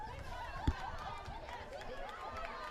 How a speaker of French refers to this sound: Et nous entendons leurs applaudissements et les cris sur le fond.